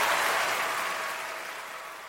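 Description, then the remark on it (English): A crowd claps steadily in a dense, even wash of applause that gradually fades a little over about two seconds, with no voices audible. “Clapping is good, but you gotta get the word out.”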